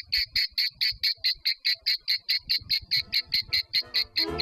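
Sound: cicadas buzzing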